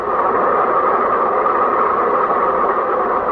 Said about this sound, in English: The bus has to pass the railroad crossing, too, and the train is at the railroad crossing. You'll have to wait until they get your car off the track.